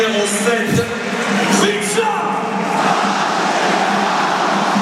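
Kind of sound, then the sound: crowd, stadium crowd shouting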